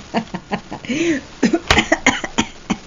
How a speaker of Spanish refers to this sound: Como los viejitos. Acabas tosiendo cuando te ríes.